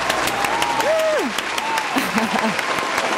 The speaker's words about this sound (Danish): Har vi ikke en klapsalve? Vi har en klapsalve.